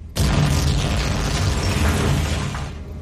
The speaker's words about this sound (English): Knowing it's too late to pull away from the gravity of the planet they're crashing towards, Dirt can only brace for impact.